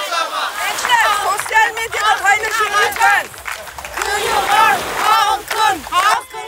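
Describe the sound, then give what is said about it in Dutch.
A crowd of protesters carrying signs chants and shouts together, calling that the sea and the beaches are theirs, forever; a continuous, energetic din of many voices, rhythmic calls rising and falling for several seconds. “De demonstranten lopen hier dus nu rond met borden in hun handen en roepen dus de hele tijd.”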